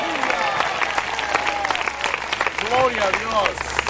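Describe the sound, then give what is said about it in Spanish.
An audience at a church service bursts into loud, sustained applause for God (Jehová), a dense wash of clapping with scattered shouts and cheering voices rising over it throughout. “El fuerte ese aplauso si es para él.”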